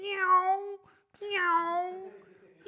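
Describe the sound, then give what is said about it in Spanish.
A person imitates a cat, giving two drawn-out meows, the second longer and trailing off, with a short pause between them. “También sé hacerlo. ¿Sabes hacer a los gatos?”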